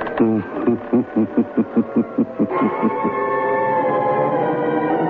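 A creaking door sound effect for the radio program The Creaking Door: a rapid series of about a dozen harsh, rhythmic creaks, then a long, steady, groaning tone that holds to the end, fairly loud, with no talking.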